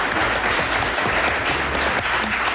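A crowd claps steadily and loudly, the dense patter of many hands filling the space for a few seconds with no voices on top.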